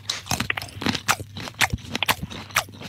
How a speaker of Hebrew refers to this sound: את הקרטיב? בסדר. אוקיי. שימי לב, לעיסה ראשונה.